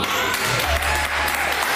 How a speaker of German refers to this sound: Das ist wie, also Applaus ist doch ein wie Torjubel, oder? Ja, das war richtig cool.